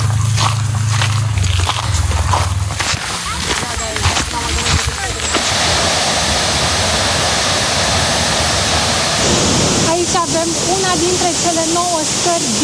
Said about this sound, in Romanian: Canion care trece prin șapte cascade, este cea mai lungă scară și acum o să începem urcarea.